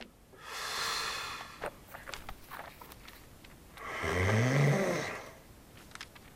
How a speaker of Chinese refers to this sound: 你看那混的呼噜打的人能睡着不？